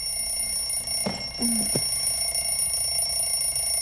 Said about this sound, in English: In bed, Maya stares at her alarm clock. She groggily taps the top.